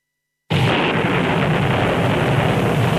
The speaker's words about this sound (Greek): Ωπα, παιδιά, τι έγινε, ξεκίνησε η βροχή. Α, όχι, εντάξει. Βρέχει, άντρες.